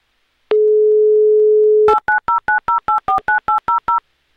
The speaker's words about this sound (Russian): Прямо сейчас я буду набирать ваш номер.